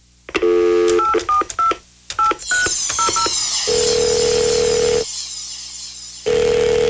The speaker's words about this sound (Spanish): Estoy llamando hace rato, chico. Tú no coges ese teléfono.